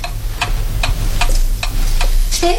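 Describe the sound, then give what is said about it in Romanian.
A clock ticks steadily, about three crisp ticks per second, over a constant low hum and faint hissing background, with no voices present. “Nu se auzea decât un fâșuit și ticăitul ceasului.”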